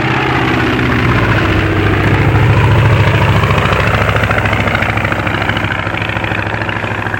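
A low-flying Antonov An-2 propeller airplane working for a collective farm drones overhead, its loud, steady engine hum full of low harmonic tones, swelling to a peak and then slowly fading as it passes. No one speaks.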